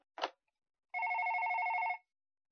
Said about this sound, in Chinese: 一天早晨，电话响了，杰克接听电话，对方问道：“ 是莫菲公司吗？”